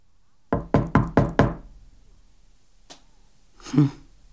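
Five quick, firm knocks on a door in an even rhythm, loud, followed after a pause by a faint click and a brief breathy rustle.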